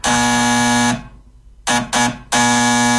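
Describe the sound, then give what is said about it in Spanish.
A harsh, loud doorbell buzzer sounds in a long blast, pauses, gives two short quick bursts, then launches into another sustained buzz. No one speaks. “¿Alguien me puede averiguar quién está tocando timbre?”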